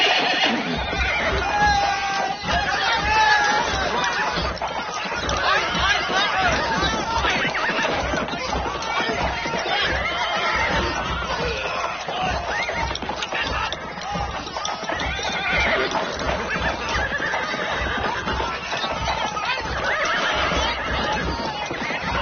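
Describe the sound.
Horses neigh and whinny over a steady, rapid drumming of hooves, a loud and continuous gallop as cavalry soldiers charge on horseback to attack an enemy camp, filling the whole stretch, with faint voices mixed in beneath.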